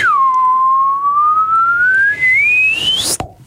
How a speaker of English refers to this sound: Can you do the slide whistle up, please?